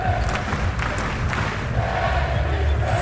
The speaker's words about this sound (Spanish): A gritos de Tenerife, Tenerife, por parte de la afición malagueña. Por parte de la afición del Unicaja.